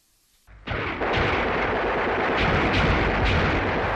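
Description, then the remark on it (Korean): Sudden fierce gunfire and charge cries erupt from below a mountain after a brief quiet moment, breaking the silence at Seolsan Lake, then a dense, continuous roar of battle with repeated bursts and booms, loud, sustained to the end. “갑자기 산 아래에서 치열한 총소리, 돌격소리가 터져올라 설산호의 정적을 깨뜨렸다.”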